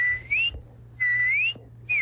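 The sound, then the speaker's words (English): A northern cardinal sings clear whistled phrases: three loud, rising slurred notes repeated with short pauses, over a faint steady low hum in the background; recorded in a yard in Ithaca. “Yeah, so this is one that actually I recorded in my yard here in Ithaca. My cardinal is more”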